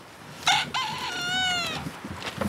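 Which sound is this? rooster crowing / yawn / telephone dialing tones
rooster crowing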